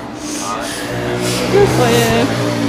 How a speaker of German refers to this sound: Genau. Viel Verkehr ist ja auch.